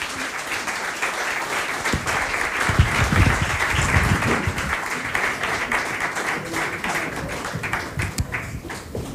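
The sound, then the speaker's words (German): Loud, sustained applause from a large crowd fills the whole stretch, a dense roar of many hands clapping at once with a few scattered cheers, steady throughout. “Und ein donnernder Applaus.”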